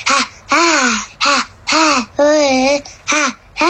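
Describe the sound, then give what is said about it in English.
A 7-year-old boy from Bucharest makes about seven loud, raspy, croaking bursts in a rough rhythm, imitating a monster's singing with harsh, strained, caw-like wails. “am 7 ani și eu vreau să cânt ca un monstru așa.”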